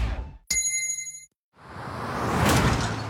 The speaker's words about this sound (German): jetzt wieder Trinkpause. Der Gong. Hydration Break. Nimm dir jetzt wieder einen guten Schluck für deine Gesundheit.